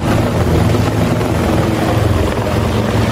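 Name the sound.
rescue helicopter rotor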